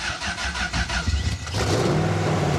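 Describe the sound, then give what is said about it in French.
A keyless car, started with a push button after the ignition is switched on and the fuel pump runs, cranks with a rapid, rhythmic starter whir for about a second and a half, then catches and settles into a steady, rumbling idle. “Et le bouton du démarrage, démarreur, est ici. Faut accélérer un peu.”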